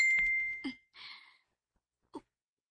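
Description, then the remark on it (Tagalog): A single bright phone chat-message notification ding rings out clearly at the start and rings briefly before fading, followed by a soft rustling breath and a faint knock. “Kisama nang mi-chat, uy.”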